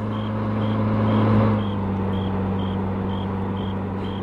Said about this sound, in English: There's a car coming. The car lights.